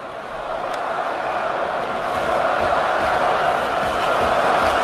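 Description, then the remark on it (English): A large hockey arena crowd in Montreal, at a game against the Preds, roars in a steady, dense wash of cheering that swells slightly louder over a few seconds, with no distinct voices standing out. “Crowd getting involved here in Montreal.”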